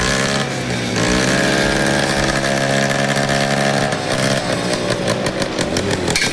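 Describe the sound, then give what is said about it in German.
Loud engines rev hard and continuously, pitch sweeping up and down in sustained snarling bursts, from rally cars at a rally event in Ennetmoos being pushed through high revs; no voices. “Wir erfahren es morgen Morgen und es wird etwa ein bisschen Motoren. Für gewisse Leute ist das Musik in den Ohren, oder?”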